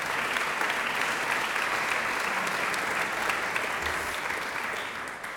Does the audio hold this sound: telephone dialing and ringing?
no